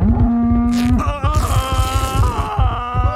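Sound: cow mooing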